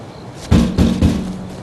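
Three firm knocks on a door in quick, even succession, fairly close and loud with a deep wooden thud, and no voices around them.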